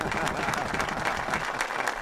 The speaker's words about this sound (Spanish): Ovación de pie.